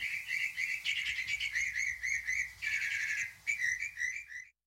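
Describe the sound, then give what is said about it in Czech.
Birds sitting in chestnut trees chirp and sing continuously in a dense, overlapping chorus of high, quick repeated notes, bright, with faint low background rumble and no voices. “A ptáci seděli na kaštanech, až veholili.”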